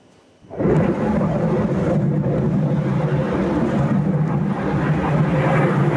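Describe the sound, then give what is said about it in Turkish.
An F-16 fighter jet from a squadron based in Eskişehir, Turkey, on a training flight, roars in abruptly after a brief quiet moment, then holds a loud, steady, rumbling wash of engine noise that stays powerful throughout. “Anajet Üst Komutanlığı Eskişehir'deki oraya bağlı Ceylan Filo'dan bir F-16. Yalova'da eğitim uçuşu sırasında düştü.”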